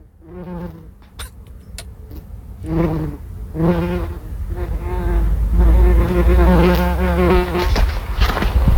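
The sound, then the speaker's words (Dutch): A bumblebee buzzes around the flowers of a rock garden, its low droning hum rising and falling in pitch as it comes and goes, swelling louder and steadier toward the end. A few faint clicks are heard early on. “Het geluid van een hommel op de bloemetjes van de steentuin.”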